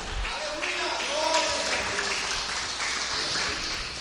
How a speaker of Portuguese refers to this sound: Pode dar uma glória bem forte para Jesus aí? Pode aplaudir o Senhor.